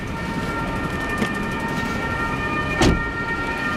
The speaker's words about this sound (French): C'est quoi, les ambulances arrivent aussi automatiquement? On a une ambulance qui vient en prévention pour tout feu, que ce soit pour prendre en charge un habitant ou un sapeur-pompier qui est blessé.